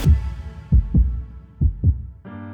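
A deep, booming heartbeat thuds in steady lub-dub pairs, loud, before a sustained synth-like tone swells in at the very end.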